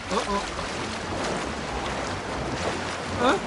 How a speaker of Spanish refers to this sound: ¡Elefantes! ¡Y aquí vienen! Cuando muchos elefantes entran al agua, provocan una gran salpicada.